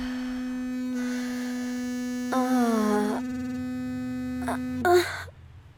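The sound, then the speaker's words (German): A Womanizer vibrator placed on the clitoris buzzes steadily for about five seconds, a constant electric hum. Its pitch wavers briefly where a couple of breathy sighs or gasps rise over it, then it cuts off. “Er vibriert.”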